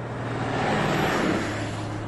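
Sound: bus engine running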